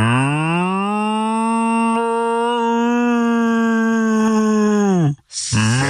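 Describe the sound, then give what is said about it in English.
A person imitates a cow's moo with one long, loud, sustained low call lasting about five seconds, dropping off at the end before a brief second call begins. “All you have to do is moo like a cow.”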